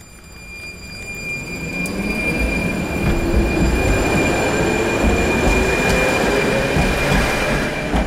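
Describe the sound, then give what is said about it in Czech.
Metal wheels squeal steadily against the rails as a number 3 tram rumbles slowly around the turning loop at Lidové sady in Liberec, the grinding growing louder and holding for several seconds, with high piercing tones riding over the heavy rumble. “U obratiště tramvaje číslo 3 v Lidových sadech v Liberci jsme právě v tuto chvíli.”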